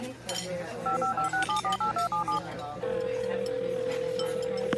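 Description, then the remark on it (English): A quick, evenly spaced run of about eight telephone keypad dialing tones beeps clearly as someone dials a phone number, followed by a steady sustained tone, over a low background hum with faint clinks. “Now, where is that guy's phone number? There we go.”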